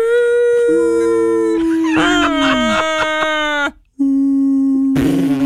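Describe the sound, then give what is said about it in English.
A voice imitates whale calls with long, loud, moaning tones that slide and waver in pitch, pausing briefly before a second drawn-out call ends in a rough, breathy burst. “You'd be like, "Dad, do you hear the sound of the whales?"”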